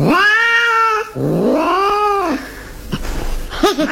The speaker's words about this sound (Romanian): Colega, dar ce e asta? Păi, o pisică.